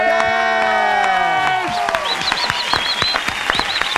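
A lively audience breaks into applause and cheering, loud and close, with sustained shouts sliding downward at first, then dense rapid clapping and bright repeated whistles.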